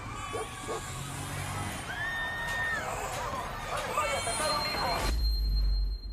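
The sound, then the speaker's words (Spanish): Busy city traffic heard from inside a car: a constant roar of engines, several horn blasts and the murmur of crowds, with a deep rumble swelling near the end. “Y tú estás ahí, en ese auto transitando el caos.”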